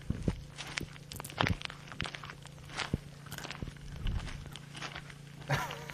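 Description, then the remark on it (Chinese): Steady footsteps crunching along at an unhurried pace, each step a distinct crackling thud over a faint low hum, with no one talking. “哦， 我觉得这个沉稳的脚步声就是我走出来的。”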